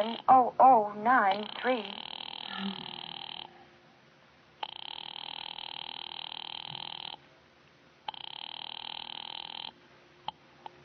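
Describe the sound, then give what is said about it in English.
A telephone line rings in three long, steady electronic buzzing bursts separated by short silences, heard through the receiver after a brief warbling sound at the start, as a call is placed to an office on the Murray Hill exchange. “Ringing Murray Hill”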